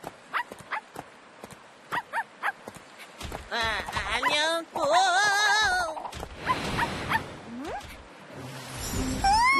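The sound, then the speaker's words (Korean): Sharp rhythmic clicks patter like small mechanical steps, then a robot dog in Singapore lets out warbling, electronic yips and whines that rise and fall in pitch, with a brief spoken greeting. “로봇 강아지잖아. 진짜 귀엽게 생겼네.”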